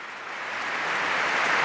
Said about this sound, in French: Les acclamations de fidèles présents à cette Eucharistie.